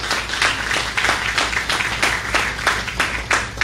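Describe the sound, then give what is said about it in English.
An audience applauds steadily after an announcement of a total upgrade of the fairgrounds' electrical systems. It is a dense wash of many hands clapping at a fairly even loudness with a quick, continuous rhythm and no voices over it. “Getting applause for electrical wires is one of our great accomplishments.”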